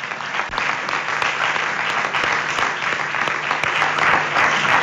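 A crowd claps steadily and densely for about five seconds, a loud, continuous wash of hand claps with no voices rising above it.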